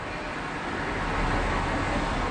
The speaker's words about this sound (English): Cars. If I'm walking, where was I? I was in Cologne.